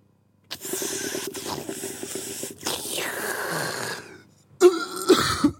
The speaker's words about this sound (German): In dein Mikrofon husten.